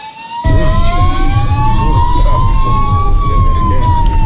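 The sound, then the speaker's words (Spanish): A loud emergency vehicle siren cuts in and wails with a slow rising and falling tone over a low engine and traffic rumble, with no talking. “O desde la ambulancia, desde la patrulla, ¿desde dónde?”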